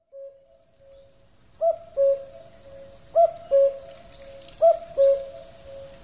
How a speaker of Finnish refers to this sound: Epäluotettavampaa ennustajaa en yhtäkkiä keksisi kuin käki, loispesiä, opportunisti, luonnon oma kikkailija.